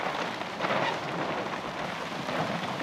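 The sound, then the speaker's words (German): Steady, dense rainfall in bad weather, hissing evenly throughout, a broad continuous wash of drops with no pauses and no voices. “Heute Waldbranddiskussion im Regen.”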